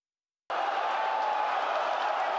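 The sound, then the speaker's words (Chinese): After a brief silence, a dense roar of football fans cheering bursts in and holds steady, loud and continuous, with no single voice standing out. The fans are watching a live 2026 World Cup broadcast on a large 430-inch TV at a shopping mall in Hong Kong. “球迷的欢呼声，穿上球衣的爱宠狗狗，430寸大电视直播赛事。”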